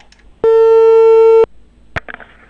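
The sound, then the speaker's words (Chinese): A single steady telephone ringback tone while dialing the Qianjin community office in Ar Horqin Banner during a live Inner Mongolia Radio and Television broadcast, loud and clear for about a second, followed by a sharp click and faint handling noise on the line, with no one speaking. “您稍等一下，咱们试着拨打一下这个电话，帮助大家沟通啊。”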